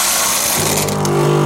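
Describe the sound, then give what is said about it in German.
Coffee beans are refilled into a coffee machine: a steady rattling, hissing pour, then a low mechanical whirring hum starts up partway through, fairly loud, with no voices. “Kaffeebohnen nachfüllen.”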